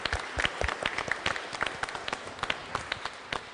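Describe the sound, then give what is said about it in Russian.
An audience applauds to congratulate a prize winner, many hands clapping steadily in a dense, irregular patter of sharp claps at moderate volume without a break. “Поздравляю вас, аплодисменты.”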